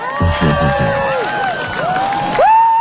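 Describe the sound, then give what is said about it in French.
A crowd watching a solar eclipse in spring 2024 erupts in cheers and excited exclamations such as "Wow!" and "No way!", several voices whooping with rising and falling pitch over a loud, continuous roar of people, swelling again near the end. “Je sais pas si on a entendu les mêmes cris, les mêmes exclamations, effectivement, en Espagne, parce que ça, c'était chez nous, au printemps 2024.”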